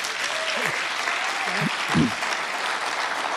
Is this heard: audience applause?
yes